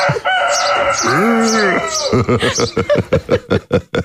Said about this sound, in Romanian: Asta e cocoșul despre care vorbeam ieri în ședință. Da. Am plecat la munte, oameni buni, ca să scap. E cocoș de munte. De vecini.